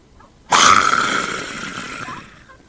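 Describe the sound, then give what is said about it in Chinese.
A single voice imitates the drawn-out, intimidating shout of the court runners in Judge Bao's court, demanding a confession: one loud, roaring call that bursts in suddenly, holds for nearly two seconds, then trails away. “衙役三班这么一喊，这皮熊听的声音都听差了。”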